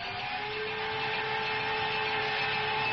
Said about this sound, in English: Oh, I think I'll put in some honey, some garlic. What else have I got in here? How about some vinegar? Yeah, I'll just put in a little bit of everything. Why don't we just run this through the blender, froth it up a little bit, huh?